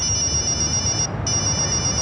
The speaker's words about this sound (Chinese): 他的手机响了起来，他拿起了手机。